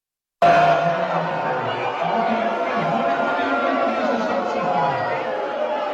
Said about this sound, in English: They're all booing in their hands, you know, thumbs down, everything else. It's because somebody came on the screen. Who came on the big screen that they were watching?